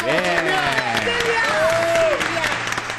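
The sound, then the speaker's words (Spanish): An audience applauds steadily to welcome a contestant, a dense wash of many hands clapping, while voices call and whoop over it for the full three seconds. “¡Fuerte la aplauso!”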